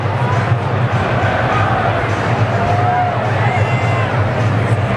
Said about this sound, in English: From Great American Ballpark, got a pretty good Friday night crowd. Seen a good number of Braves fans as well.